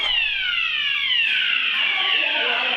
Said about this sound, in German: Feueralarm!